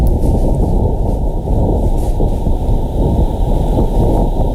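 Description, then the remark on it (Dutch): Wind on Mars during dust storms, recorded by NASA: a steady, muffled low roar of gusting air that rumbles continuously and fairly loudly throughout, dull and bass-heavy with no voices or other sounds. “Toen heeft de NASA het geluid van de wind op Mars opgenomen.”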